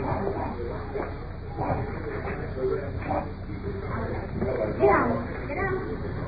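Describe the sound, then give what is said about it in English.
Two very large Great Dane dogs blocking a door give a few scattered barks and whimpers, mixed in with people talking over a muffled, noisy background; one louder bark stands out near the end. “Two very large Great Dane dogs blocking the door.”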